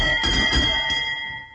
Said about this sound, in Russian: Дженни, будь любезна, в этот колокол.